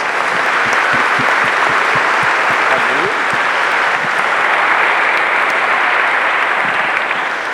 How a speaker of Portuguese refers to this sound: Por isso queremos agradecer a presença de Jesus em nosso meio, que é o nosso Senhor, o nosso Salvador. Para Jesus, uma grande salva de palmas.